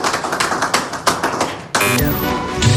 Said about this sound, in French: On lance les applaudissements, bien sûr.